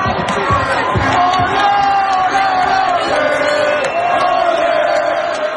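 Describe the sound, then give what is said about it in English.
A large crowd of Haiti football fans at a World Cup match, outnumbered by Scotland supporters in the stadium, cheers and chants their song loudly and continuously, voices blending into a sustained roar with rising shouts and a sung chant running throughout. “Haiti's fans were outnumbered, but still, they made some noise.”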